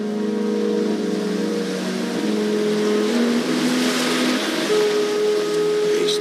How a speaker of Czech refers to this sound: pokud je příliv, tak se tam jezdí takovým mořským traktorem, který jsme mohli vidět v televizní adaptaci tohoto románu Zlo pod sluncem s Davidem Sishayem.